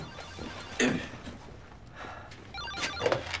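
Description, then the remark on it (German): A telephone rings quietly in two short bursts about two seconds apart, with faint background noise and no one talking. “Und Herr Hubert, Sie gehen mal ans Telefon.”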